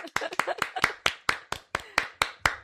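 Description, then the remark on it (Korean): A steady series of about ten sharp hand claps, evenly spaced at a brisk rhythm, with faint voices murmuring underneath the first few claps. “박수 먼저 한번 치겠습니다.”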